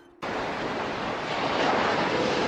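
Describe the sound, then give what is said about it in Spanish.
Ocean waves surge in abruptly as a loud, steady hiss of rushing surf, swelling slightly toward the end, with no voices present. “Los océanos están en peligro.”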